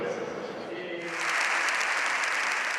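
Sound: applause in parliament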